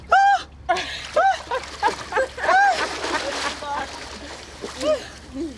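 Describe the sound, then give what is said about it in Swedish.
Someone wades into cold water with steady splashing and sloshing, while voices let out rising yelps and exclamations over the churning water. “Och nu ska … i. Känner du press, …?”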